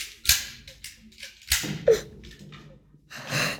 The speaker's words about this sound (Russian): А в это время у входной двери возится с ключами глава семьи приора Дон Пипино